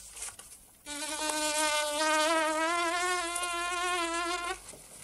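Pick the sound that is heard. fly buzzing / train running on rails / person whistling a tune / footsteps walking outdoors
fly buzzing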